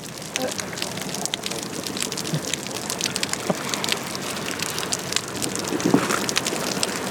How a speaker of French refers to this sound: J'ai l'impression d'entendre la bouée. Parce qu'elle nage près de la bouée jaune et c'est comme si... De l'eau tapée sur une bouée.